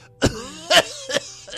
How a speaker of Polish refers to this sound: Przepraszam, kochani. Przepraszam, kochani. Niestety, no, znów się rozkasłałem.